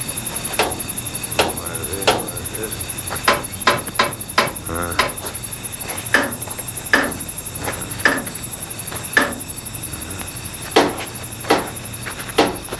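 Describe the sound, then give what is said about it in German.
A special hammer taps the wheels and bolts of an old locomotive to inspect it, around fifteen sharp, ringing metal knocks at an uneven, unhurried pace, just after sunset, against a steady faint background hiss. “nahm einen besonderen Hammer heraus und beklopfte vorsichtig und schweigend jedes Rad und jede Schraube”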